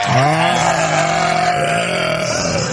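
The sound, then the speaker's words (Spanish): A long, loud sheep bleat, one drawn-out wavering cry with a rough, buzzy tone that holds steady for nearly three seconds, with no talking over it. “Bonito el aplauso, bonito el aplauso para mi borrego favorito.”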